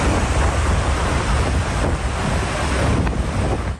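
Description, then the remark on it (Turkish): A constant, loud rush of churning floodwater with heavy wind buffeting the microphone, as water floods roads along a coastal strip, sweeping some vehicles toward the sea. No voices, just steady roaring turbulence throughout. “sahil şeridinde yollar göle döndü. Bazı araçların suya kapılıp denize doğru sürüklendiği görüldü.”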